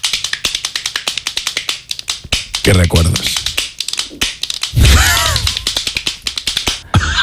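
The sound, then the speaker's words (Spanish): A children's toy hand clapper, played as a mystery instrument, rattles side to side in a fast, steady run of sharp plastic clacks, fairly loud. It continues while voices speak briefly over it. “Esto es un aplaudidor de manos de esos como los que tienen los niños que van tiqui tiqui tiqui tiqui tiqui tiqui tiqui tiqui tiqui”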